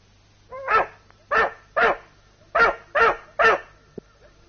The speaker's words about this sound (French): Viens ici, Blondie. N'y touche pas. Tu n'as pas honte? Vilain chien. Couché. Veux-tu coucher?